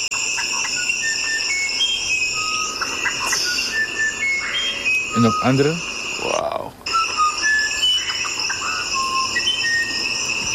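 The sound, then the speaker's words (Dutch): Varied bird song of short, clear whistled notes at shifting pitches repeats throughout, over a steady high insect drone; two voices briefly speak partway through. “Ik heb nog meerdere soorten van een andere melodie van deze vogel.”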